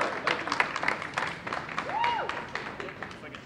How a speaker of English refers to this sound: let's give them a very warm round of applause.